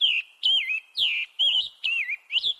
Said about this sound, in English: The scarlet tanager's song holds a similar tune, but this bird sounds a little hoarse.